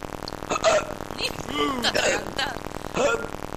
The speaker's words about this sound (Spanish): Señor hipo, ¿no? ¿Qué tal? Le agarra ese hipo a las 12 de la noche. Uy, Dios mío, despierta la cuadra.